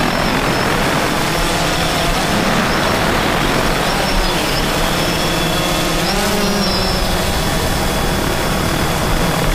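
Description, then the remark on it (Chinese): A farm drone used for tending crops flies overhead, its rotors whirring loudly and steadily, a continuous buzzing drone with a high whine that wavers slightly as it moves, with no talking. “啊，你看这无人机多好啊，你好好学学，你学好了地理不就省事儿了吗？”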